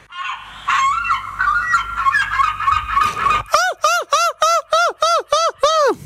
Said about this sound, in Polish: Jesteśmy, proszę Państwa, na wyjeździe w moich rodzinnych stronach, w Trójmieście. Jak słyszycie, otaczają nas mewy.